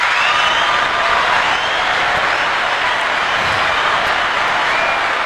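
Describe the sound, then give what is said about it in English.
Steady applause from a crowd for a list of community organizations, a dense wash of many hands clapping that stays loud and even for several seconds with no talking over it. “And I did the applause because those groups took the time on a Saturday afternoon to come out and to present to, I'm telling you, it had to be more than 1,000 people.”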